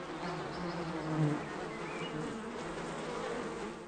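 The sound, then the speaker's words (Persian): A dense, steady buzzing of a large honeybee colony at a honey box, a continuous droning hum with shifting tones that stays loud throughout, with no voices present. “اما گذشتن از یک اردوی بزرگ زنبورها کار آسان نیست و بالاخره او با قدم زدن خود را به صندوق عسل می رساند و به نظر می رسد زنبورها به او هیچ توجه ندارند.”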